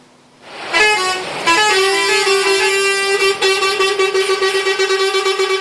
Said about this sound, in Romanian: Zeci de tiruri au format o coadă imensă la intrările și ieșirile din portul Constanța. Șoferilor nu li s-a permis accesul din cauza grevei vameșilor.